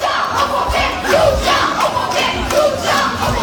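A crowd of high school students in front of their high school near Bordeaux chanting "soutien aux pompiers" in support of firefighters: a loud, rhythmic group shout, the repeated phrase rising and falling in steady pulses about once a second.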